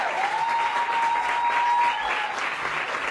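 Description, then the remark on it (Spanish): Loud, dense audience applause for the sound technician fills the whole stretch, steady clapping from many hands with a thin whistle-like tone gliding through the first two seconds. “Pero lo hemos conseguido con creces y eso es lo importante, así que darle un aplauso fuertísimo al sonido”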